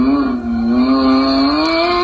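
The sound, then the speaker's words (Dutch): A black toy Lamborghini plays its engine sound as it is switched on: a loud, steady, buzzy motor drone with rich harmonics, its pitch dipping slightly and then creeping upward over two seconds, with no talking. “Als je hem aanzet, hoor je namelijk dit.”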